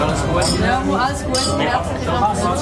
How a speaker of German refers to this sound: seine Kolleginnen und Kollegen und natürlich auch der Lehrmeister haben zufrieden angestoßen.